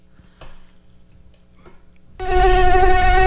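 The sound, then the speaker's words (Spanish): After near silence broken by two faint clicks, a loud buzzing of a fly starts abruptly and drones on steadily to the end. “No quiero escuchar ni una mosca.”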